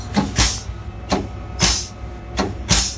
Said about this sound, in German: Wenn es mal rutschig auf den Schienen wird, ist der VT2E wie alle Eisenbahnfahrzeuge mit einer Sandstreueinrichtung ausgestattet. Diese klingt so.